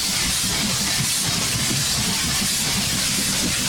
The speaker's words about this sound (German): Wir fahren mit der Eisenbahn.